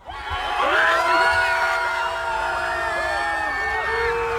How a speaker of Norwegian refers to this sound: Det brøt ut jubel utenfor hotellet i Nydalen da Cristiano Ronaldo og Portugal-spillerne gikk til bussen. Hundrevis hadde samlet seg utenfor hotellet i håp om å få et glimt av superstjernen.